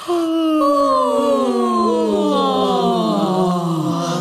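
Several people, following an instruction to yawn, let out long, drawn-out vocal yawns together, overlapping moaning tones that slide downward in pitch over about four seconds, fairly loud.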